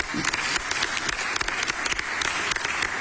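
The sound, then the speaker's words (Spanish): An audience claps steadily in Puebla for a student being named Ambassador of Scientific and Technological Talent under the Mujeres de Alto Impacto program. Many hands create a dense, crackling wash of applause, with sharp individual claps popping through. The applause holds at an even volume for the full few seconds. “le otorga el nombramiento de Embajadora del Talento Científico y Tecnológico de Puebla, en el marco del programa Mujeres de Alto Impacto, lo cual también es un orgullo para nosotros, y pido un aplauso también para Daniela.”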